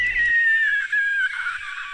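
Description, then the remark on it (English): A voice imitates an alien's scream: one sustained, high-pitched shrieking wail with a thin, buzzing edge, loud, slowly sliding downward over about two seconds. “That's the sound the alien makes.”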